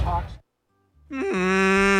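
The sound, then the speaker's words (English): A human voice imitating the call of an albatross, a native Hawaiian seabird: a short vocal burst, a pause, then a loud, sustained, moaning cry that steps up in pitch briefly before settling into a steady lower drone. “No, it was me. Holy moly. I'm on albatross.”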